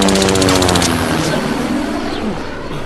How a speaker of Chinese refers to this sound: 敌机来了，大家隐蔽！ 敌机来了，大家 隐蔽！大家隐蔽！